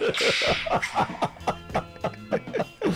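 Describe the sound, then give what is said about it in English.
A sharp whip crack snaps at the very start, a bright hiss of noise, followed by rapid, rhythmic bursts of voices that sound like laughter or chatter. “Yeah, the whip crack and everything.”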